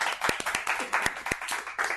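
A group of people applauds, with dense, uneven clapping and a few sharper, louder claps standing out. It stays fairly steady for the full two seconds, and no voices are heard.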